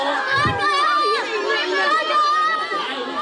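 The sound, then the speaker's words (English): A crowd of children cheering on their favorite snail at an annual snail race in Funglin, Taiwan, many high-pitched voices shouting and calling over one another in a loud, steady wall of excited noise that fills the whole few seconds. “Those are kids cheering on their favorite snail.”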